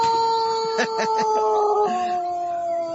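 A rooster, called the 'galo nervoso' (nervous rooster), crows in one long, strained call, its steady pitch holding before stepping slightly lower partway through, with a few quick pulsing bursts near the start.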